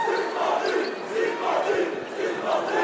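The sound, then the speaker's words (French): A large crowd of Parisian basketball fans chants in unison in an arena, chanting player Mathieu Strazel's name and "suspendu, suspendu", a loud sustained roar of many voices rising and falling in a steady repeated rhythm, with no individual speaker standing out. “Et le cop parisien qui chante Mathieu Strazel en disant suspendu, suspendu.”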